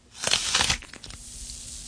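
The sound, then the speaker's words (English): A crisp bite into a Red Delicious apple, about 84% water, its water and sugar snapping inside: a loud crunching snap for about half a second, then a few smaller crackles and a faint fizzing hiss as it fades. No one speaks. “Now, why don't you bite into me and then listen very carefully to the water and the sugar snapping and cracking inside of me.”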